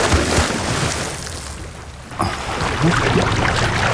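Rushing water noise dips briefly, then a sudden splash as two people jump from a boat into the open sea, followed by steady churning, bubbling water sounds. Fairly loud, with no one talking.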